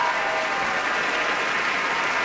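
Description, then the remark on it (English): Steady, dense applause from a large audience at an opera curtain call at the Met, as the leads join hands at the front of the stage and conductor Timur Zangiev applauds the orchestra, a continuous wash of many hands clapping at once with no voices standing out. “And he's applauding the orchestra.”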